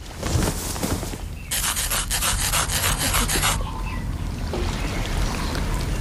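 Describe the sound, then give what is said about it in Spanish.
Rapid, rhythmic scratching strokes rasp across a hard wooden surface for about two seconds, a loud, hissy rubbing like fingernails dragged over a peg leg, with softer rustling before and after. “Siempre que se avecina tormenta, la pata de palo me empieza a picar mazo.”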